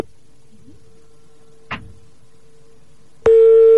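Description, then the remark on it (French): A telephone ringback tone plays with no one picking up: a faint steady hum, a brief click, then a loud, sustained mid-pitched tone starts near the end. Nobody speaks. “Bon, apparemment, il décroche pas.”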